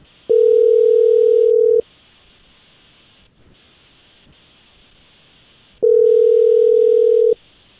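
An outgoing phone call placed live on air by the Jesse James Morning Show radio program rings: two long, steady ringback tones about four seconds apart, with faint line hiss in between and no voices.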